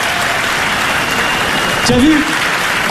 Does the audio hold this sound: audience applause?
yes